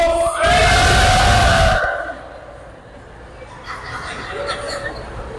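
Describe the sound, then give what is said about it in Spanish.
A group of men lets out a loud, joyful whooping shout lasting about a second and a half, then it drops off into quieter murmuring and scattered voices. “A ver, hombres, un grito de júbilo.”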